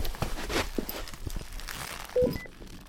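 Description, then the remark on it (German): Footsteps approaching: a loose series of firm, irregular steps over a steady background hiss, with a short tonal beep just before the end. No one speaks. “Da kommt jemand.”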